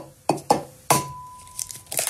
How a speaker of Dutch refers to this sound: het openbreken van mijn ei natuurlijk